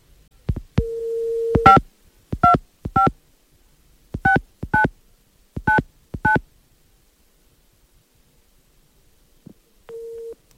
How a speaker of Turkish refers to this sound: Hemen telefonu çeviriyorum.